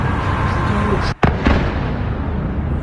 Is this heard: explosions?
yes